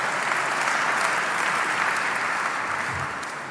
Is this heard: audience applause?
yes